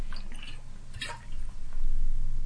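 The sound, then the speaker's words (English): Someone takes a drink of water, with wet sounds and a brief sip or gulp near the middle over a low background hum and no talking. “sorry, I need to get a drink of water.”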